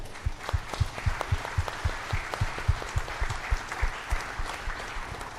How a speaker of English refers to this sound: I think that's truly special. Something worth a round of applause, too.